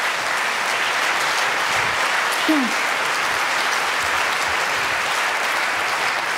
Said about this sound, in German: Ja, bitte Applaus, bitte, bitte, bitte.